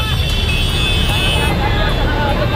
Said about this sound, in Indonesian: Viral video drone kemacetan parah di jembatan Rorotan Cilincing, Jakarta Utara, Senin pagi.